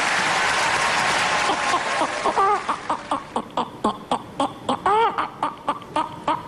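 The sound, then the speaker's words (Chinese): Brief applause fades out as a person's voice imitates a clucking hen: a quick, steady series of loud clucks with a few rising, squawky notes. “好，我来学鸡，我不知道是不是20岁。”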